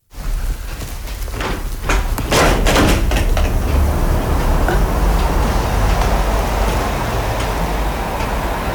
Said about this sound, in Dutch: Wat hoort u nu? Ja, auto's rijden. En continu, hè? Bewoners horen een constant ruis door al het langsrazende verkeer.